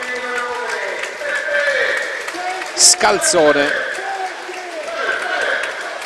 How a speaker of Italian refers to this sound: per Beppe Genchi che esce tra gli applausi del pubblico.